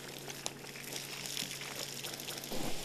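Water sizzles and hisses steadily on hot charcoal, a broad crackling hiss with small pops throughout that swells louder near the end. No voices are heard.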